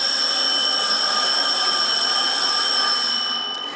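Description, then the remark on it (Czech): A loud school bell rings continuously for nearly four seconds, a steady, shrill metallic tone that holds without pause and begins to fade only at the very end. It rings on maturita exam day, sending the test administrators to the classrooms. No voices are heard. “Zvoní a tak se zadavatelé testů vydávají do tříd.”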